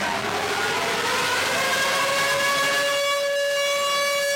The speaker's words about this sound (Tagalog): Pagpatak ng alas 9 ng umaga kanina, tumunog na ang sirena, hudyat ng pagsisimula ng nationwide simultaneous earthquake drill ngayong araw.